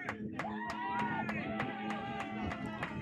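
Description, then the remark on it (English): The cheering section behind home plate at a baseball game ramps up as pitcher Wirtz stands one pitch from his first professional out, a dense wash of voices with shouts rising over it, punctuated by sharp rhythmic claps or stomps about three times a second. “The cheering section behind home plate ramps up.”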